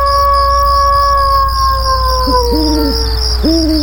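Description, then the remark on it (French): A voice imitates a wolf howl during a Werewolf party game as the wolf wakes, one long, slowly falling wail, while hooting calls rise near the end over a steady backdrop of chirping crickets and low hum. No one speaks. “C'est très drôle, les bruits.”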